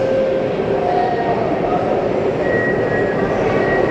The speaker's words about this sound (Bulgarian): Генерал Владимир Вазов, Бесарабия и стадион Георги Аспарухов, на която сме и ние в момента. Първият влак, метровлака,